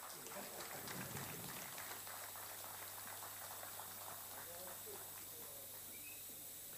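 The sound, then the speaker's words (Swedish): A crowd applauds award winners receiving trophies for their very fine vehicles, with dense, rapid clapping that stays steady and loud for the whole stretch, a continuous crackling wash with a low hum beneath and faint voices mixed in. “Ska vi ge dem en rungande applåd för otroligt fina fordon?”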